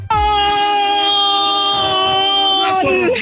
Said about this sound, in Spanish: No vaya a ser yo nada más la que sienta ahí como que el gritote de gol que vamos a escuchar de esta chica. Mira con qué sentimiento, como si estuviera en el partido.